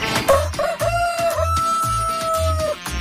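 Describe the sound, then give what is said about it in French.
A rooster named Ovin, in a studio, gives one long, loud cock-a-doodle-doo that holds steady and drops in pitch at the end, over a steady thumping low beat that pulses underneath throughout. “C'est lui, le fameux, le coq.”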